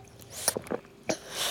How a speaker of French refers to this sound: Doudou propose au bébé Doudou de boire son biberon. Le bébé Doudou boit. Il boit.